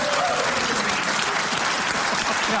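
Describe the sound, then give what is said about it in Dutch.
Steady applause from a group, a dense wash of overlapping claps at a constant moderate loudness throughout, with faint voices mixed underneath. “Ik vind overigens dat ik wel vaker een applausje mag hebben tussendoor even.”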